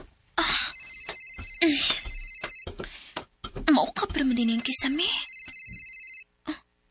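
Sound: cellphone ringtone ringing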